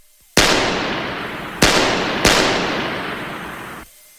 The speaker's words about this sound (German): 3-mal feuerte er auf die nach oben führende Treppe.